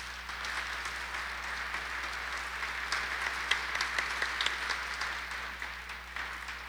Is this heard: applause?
yes